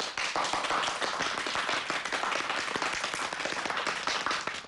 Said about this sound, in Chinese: 鼓掌